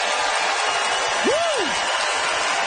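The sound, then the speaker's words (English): A dense, steady wash of audience applause at the McPherson Playhouse, with the crowd voting by applause, fills the whole stretch, with one brief rising-and-falling whoop cutting through midway. “Listen to the crowd.”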